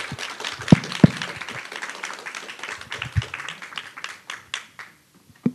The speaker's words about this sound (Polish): No najpierw brawa, oczywiście.